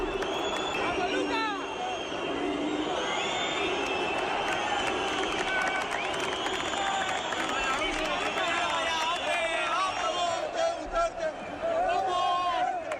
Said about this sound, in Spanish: Pues al grito de que vote Butarque, así eran ovacionados los jugadores del Leganés